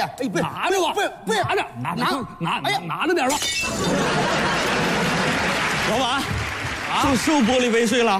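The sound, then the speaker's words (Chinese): People talk, then a loud crash of a crystal glass cup shattering bursts out, its bright splintering noise lasting a couple of seconds before the voices return. “老板，收玻璃杯碎了？”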